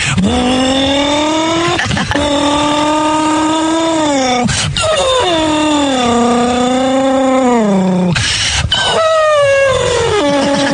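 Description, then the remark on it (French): A loud voice imitates a race car engine with a sustained buzzing drone, its pitch rising and dipping as if shifting gears, broken by a few quick breaths over about ten seconds. “Et puis travailler aussi comme j'aimais bien faire le bruit de la voiture de course aussi.”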